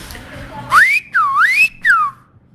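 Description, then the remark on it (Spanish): A loud Silbo Gomero whistle, the customary whistled reply meaning 'bueno': three connected gliding notes, rising sharply, dipping and swooping back up, then falling away, over faint background noise with no talking. “Cuando emitimos ese silbo, normalmente la persona, si hay alguien que te escuche y sabe silbar, la forma de responder siempre es un...”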